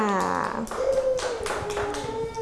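Children in a school classroom clap in a scattered, uneven burst of sharp hand claps, applauding a classmate, mixed with sustained voices in the background.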